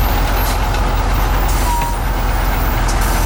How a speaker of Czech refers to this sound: Teď ten jeřáb to ucho vzal a přendává ho na to nákladní auto.